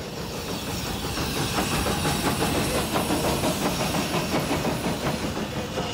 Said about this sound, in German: Nach 9 Kilometern Fahrt hat die Zahnradbahn über 1200 Meter Höhe überwunden. Die Bergstation ist erreicht.